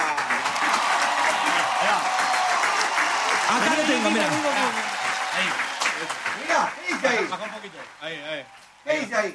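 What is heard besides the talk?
audience applause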